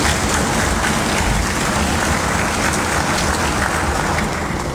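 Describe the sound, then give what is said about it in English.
Audience applause for Antigua and Barbuda's Minister of Education, Daryl Matthew, fills the whole stretch, a dense, steady wash of many hands clapping at an even loudness with no voices over it. “The Minister of Education, the Honorable Daryl Matthew, has delivered for the youth of Antigua and Barbuda and deserves our continuing applause.”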